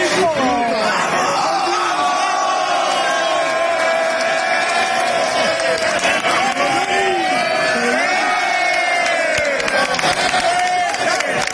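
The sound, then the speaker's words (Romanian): A dense crowd of Rayo Vallecano football fans in Strasbourg cheers and celebrates the club's qualification for the Conference League final, many voices chanting and singing together in a loud, continuous roar with scattered whoops, steady for the whole stretch. “Rațiu și coechipierii au sărbătorit alături de suporteri cea mai mare reușită din istoria clubului înființat în 1924.”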